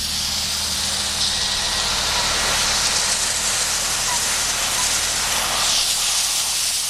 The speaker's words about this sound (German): Erst kam die heiße Dampfwolke raus und dann kam so ein bisschen Sprühmittel. Und mit der kleinen Stahlbürste konnte er jetzt so darüber bürsten